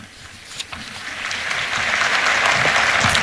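A crowd of English-speaking pilgrims applauds, a dense wash of many hands clapping that swells steadily louder over a few seconds, with no voices standing out.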